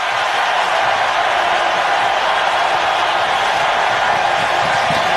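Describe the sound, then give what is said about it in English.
A hockey arena crowd at a Vegas game, tied at 4 with 8:34 left in regulation, roars in a loud, unbroken wash of noise that holds steady for several seconds, with no clear voices or breaks standing out. “Listen to this crowd.”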